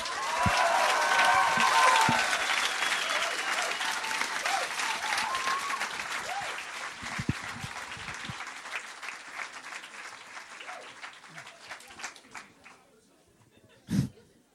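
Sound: audience applause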